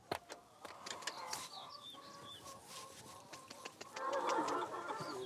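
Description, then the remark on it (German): Chickens on the Heidehof farm clucking and murmuring in a busy flock as they are carried in so their coop can be moved, with short sharp clucks and a few higher squawks, growing louder and more agitated toward the end. “Weil ich gestern Abend vergessen habe, die Hühnersicherung auszumachen, tragen wir einmal kurz die Hühner rein, dass wir den Stall dann bewegen können.”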